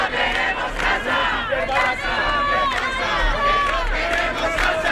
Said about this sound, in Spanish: Una concentración con la que querían mostrar su solidaridad con ella y visibilizar los otros muchos casos similares que existen. Al grito de vecina escucha, tu lucha es nuestra lucha o no toleramos ni un desahucio más, los presentes exigen medidas